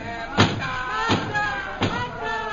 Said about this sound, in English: I may be able to send them away. Stop that pounding and go away.